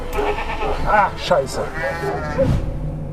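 A ram bleats repeatedly, each call a loud, quavering, nasal cry, with a final strained bleat near the end over a steady background hum.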